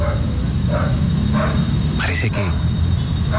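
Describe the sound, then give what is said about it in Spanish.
A dog barks a couple of times in short, sharp bursts at the rubble of a collapsed five-storey apartment block, partly covered by a person talking and a steady noisy background. “El perro está ladrando.”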